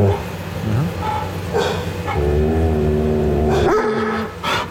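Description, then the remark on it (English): A dog growls low and steadily at another animal, its rumbling snarl broken by a few short yips and whiny, strained vocal bursts, with faint background noise. “So after feeling all excited about PETA, they're growling at another animal.”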